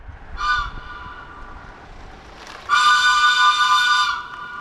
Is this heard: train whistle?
yes